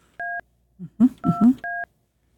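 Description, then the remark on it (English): Three clear phone keypad beeps as a phone number is dialed, each a steady two-tone chirp, fairly loud, with a brief burst of talking squeezed in between the first and last presses. “I've got to push buttons. Yeah, keep putting the number.”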